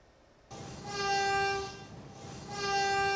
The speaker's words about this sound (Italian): I fischi del treno, il minuto di silenzio, la commozione delle tantissime persone giunte nel piazzale della stazione di Bologna.